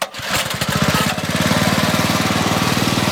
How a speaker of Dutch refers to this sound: trekt Aang de motor van zijn bamboevlot aan om mensen over te steken over het Karian Reservoir